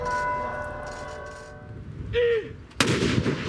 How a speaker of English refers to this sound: Today in Oslo, cannons fired in tribute, as thousands of people queued to lay flowers at the royal palace and remembered a modernizing and much-loved king.